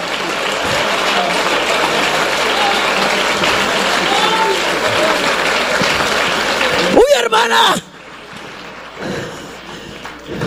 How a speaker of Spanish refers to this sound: Dale un aplauso a Él esta noche.